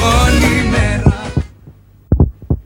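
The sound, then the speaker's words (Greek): A heartbeat sound effect in a time announcement for Radio Chersonissos 97.2, giving the time as 8:30. It has low, thumping double beats in a steady lub-dub rhythm, first under a dense, loud music bed that cuts off, then standing alone and clear. “Στον επόμενο χτύπο της καρδιάς σου, η ώρα θα είναι 8:30.”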